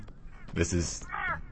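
A bird call sound effect: two harsh, raspy caws in quick succession, followed by a higher, wavering squawk. They are loud, over a faint background.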